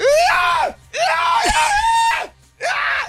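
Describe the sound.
A voice imitates the enormous sneeze of the speaker's brother with three loud, drawn-out shouted bursts, each swooping in pitch and breaking off, separated by short pauses.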